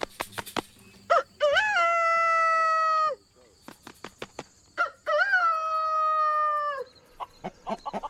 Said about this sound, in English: The rooster's main call is he makes a crow sound, which is... Most of the time he flaps his chest before he crows.